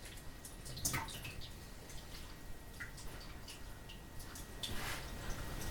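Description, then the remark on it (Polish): Water trickles and drips steadily as excess water is drained from raw meat for broth that was rinsed in cold, then warm, then cold water, with scattered splashes and a couple of louder sloshing bursts and no one speaking. “Teraz odsączę z nadmiar wody.”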